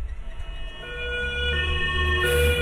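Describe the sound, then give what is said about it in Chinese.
An ambulance siren wails with steady tonal harmonics over low road rumble, growing gradually louder as it draws closer, its way held up by cars occupying the emergency lane, with no one speaking. “你听救护车的声音是不是越来越近了？”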